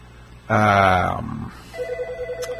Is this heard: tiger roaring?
no